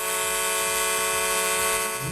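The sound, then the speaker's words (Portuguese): A loud vehicle horn blares continuously for about two seconds, a bright, brassy, sustained honk with no one speaking. “Olha aí, ó, olha a buzina animada aí, né? Vamos acordar quem tá cochilando aí também com essa buzina.”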